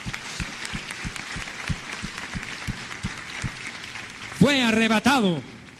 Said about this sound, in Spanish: Den un aplauso a él.